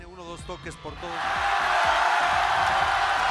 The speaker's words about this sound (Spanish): Con esta ovación ha sido recibido Omar Abdulkadir a su regreso a Somalia. Es un árbitro acreditado por la FIFA que fue vetado por Estados Unidos cuando aterrizó para dirigir partidos del Mundial.